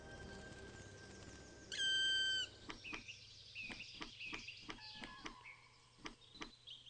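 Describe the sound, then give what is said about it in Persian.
A black woodpecker gives a loud, ringing call, followed by a scattered series of sharp, short calls and knocks at irregular intervals against quiet forest background noise. “پرندگان چوبخوار سیاه در سراسر پولند به کثرت دیده می شوند.”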